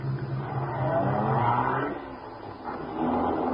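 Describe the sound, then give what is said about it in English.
A car engine rumbles and revs up steadily, its pitch rising and falling as the vehicle pulls away. The sound is fairly loud, with no voices. “Get in this car.”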